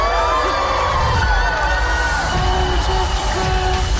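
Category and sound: crowd, crowd cheering and applauding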